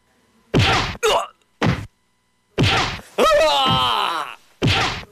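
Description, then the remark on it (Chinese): Two thugs lash a man with leather whips: five sharp, loud lashes land at uneven intervals, and after the fourth the man lets out a drawn-out, wavering cry of pain. “两个打手闻声又举起了皮鞭。”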